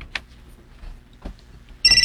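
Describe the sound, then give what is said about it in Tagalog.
A cellphone starts ringing abruptly at the very end, a loud, high electronic ringtone cutting in after a quiet stretch with only a soft click and a faint knock. “Hala! Tingog cellphone! Diego, agay mong cellphone ni Tingog.”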